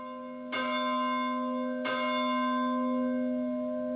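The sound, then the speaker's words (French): Church bells ring the Angelus, two resonant strikes about a second and a half apart, each leaving a long shimmering hum that carries on between and after them. No voices. “Et notre prière se poursuit, vous entendez les cloches de l'Angélus.”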